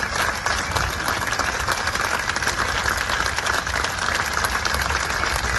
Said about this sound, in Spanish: En torno a 20 minutos de aplausos y gritos de Galiza Ceibe, Poder Popular, antes de que partiese rumbo a Boixaca.